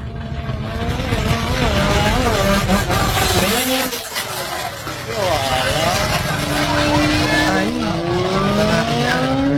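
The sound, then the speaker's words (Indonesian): A loud motorcycle engine roars and revs, its pitch rising and falling through several gear changes as it races off at speed at an illegal street race, with a steady rumble filling the whole stretch. “Lihat, lari motor kencang, Lai.”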